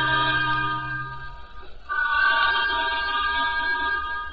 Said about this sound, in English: That's queer. We're slowing down, sir. From the sound of that whistle, there may be something on the lines.